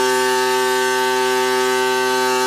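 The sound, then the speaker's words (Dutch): A steady, monotonous droning hum from vibratory pile driving, 200 piles being carefully vibrated into the ground with a technique from Canada, at Urk. Rich in harmonics like a ship's horn, it holds loud and unchanging for the whole stretch with no pauses or voices. “200 palen worden voorzichtig de grond ingetrild en dus hoor je geen doffe dreunen, maar dit.”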